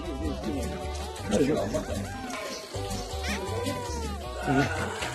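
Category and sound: animal, baby goats bleating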